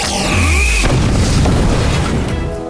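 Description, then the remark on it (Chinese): A cartoon cannon blast attack effect, the "Wild Giant Whale Wave Cannon" attack: sweeping synthetic tones over a deep boom, then a loud, sustained roaring rush of noise that holds steady for nearly three seconds before easing slightly. “那就继续狂野巨鲸波动炮。”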